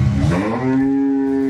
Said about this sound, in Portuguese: esse buzinar, essa buzina aí é. É já é bem conhecida do Caipirão já